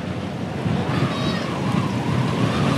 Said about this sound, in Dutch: Wat vooral opvalt is dat het hier flink aan het waaien is. Al de hele etappe eigenlijk, als we naar de bomen kijken, naar de vlaggen van de mensen die aan de kant staan, dan staat hier echt wel een strakke wind.